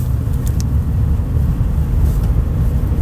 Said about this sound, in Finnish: Se kuuluu aina hetkittäin, varsinkin tuolla lopussa. Kuunnakaa. Se nakuttaa. Perässä selvästi taka-akseli.